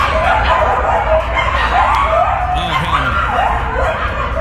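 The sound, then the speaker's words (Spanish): A loud chorus of coyotes living in an apartment building in West Hollywood, howling and yipping, with many high, wavering calls overlapping continuously, sliding up and down in pitch over a steady, noisy background. “That's what it sounds like all day aquí en West Hollywood, en un edificio donde está lleno de coyotes.”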